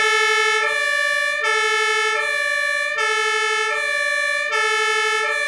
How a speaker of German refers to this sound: Aber halt dir die Ohren zu, denn das Martinshorn ist wirklich laut. Das Horn setzen wir ein, wenn wir innerhalb von Ortschaften fahren.